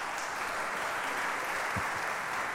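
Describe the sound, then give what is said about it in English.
Steady crowd applause after a live music performance, a dense continuous patter of many hands clapping at an even level throughout, with no music or voices over it. “I didn't mean to speak over the applause of that beautiful performance.”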